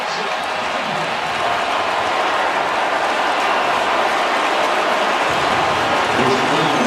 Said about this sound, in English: He is hit from behind and tackled into the end zone for a touchdown, USC, and the Trojans have the lead. How do you do? Listen to this Coliseum crowd.